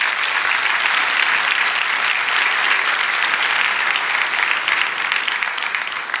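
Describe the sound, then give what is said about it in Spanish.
An audience applauds steadily for about six seconds, giving applause to Jesus, a dense, loud wash of many hands clapping without pause, with no voices standing out. “Entonces hoy dale ese aplauso a Jesús.”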